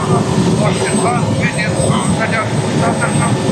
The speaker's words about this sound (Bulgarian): Хеликоптера се доближава до пожара.